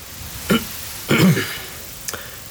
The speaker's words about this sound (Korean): 그 손끝을 따라 남자가 고개를 들었다. 2층 창에 승범 한의원 간판을 발견하자 머쓱한지 헛기침을 했다.